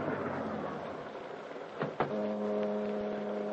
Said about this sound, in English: a heavy mist had risen, and it swirled and eddied about the long black car, which, moving like a sinister shadow, finally came to a stop alongside a deserted waterfront building.